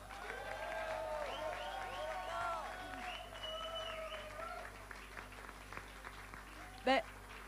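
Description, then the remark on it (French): An audience applauds the organizers of a contest, clapping steadily for several seconds, with rising and falling cheers and whoops over the dense clapping. It thins out toward the end, where one brief louder burst stands out. “C'est incroyable et c'est inspirant et je pense qu'on peut bien les applaudir parce que c'est extraordinaire ce que vous faites.”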